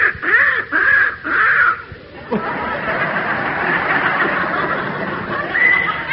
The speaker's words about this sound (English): it's a young crow that Alfie spotted